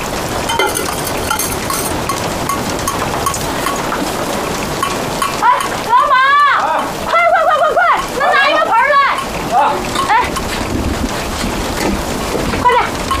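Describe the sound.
Steady, dense hiss of rain leaking through a house roof and falling water fills the whole clip, with voices breaking in loudly over it partway through before the rain noise carries on alone.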